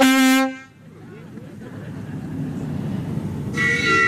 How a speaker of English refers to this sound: It's a replica of the 1890s Gentleman's Pleasure Steam Launch. I'll give him some horn. That's a good whistle.